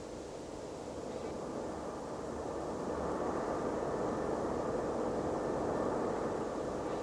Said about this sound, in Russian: Огоньки на небе. Красный, зеленый, еще. Это же самолеты от немцев летят.